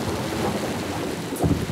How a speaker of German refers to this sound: Regen! Donner! Blitz!